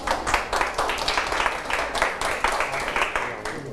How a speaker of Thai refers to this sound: เรียบร้อยครับนักเรียนปรบมือกับเพื่อนด้วยครับ